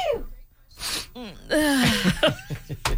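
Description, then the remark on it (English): A few sharp, breathy inhales build up into a loud, explosive sneeze with a voiced, falling cry, followed by a brief second burst of breath at the end. “Mad at me for recording your sneeze.”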